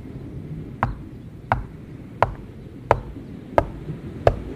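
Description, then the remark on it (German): Six sharp, evenly spaced knocks on a hollow wall, each a crisp rap with a slightly resonant body, tapped at a steady unhurried pace over a faint low background rumble. “Sie an? Hohl.”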